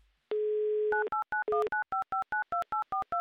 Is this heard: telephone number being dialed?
yes